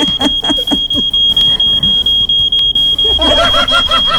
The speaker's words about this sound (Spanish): Ese es el detector de humo, director. Muy bien.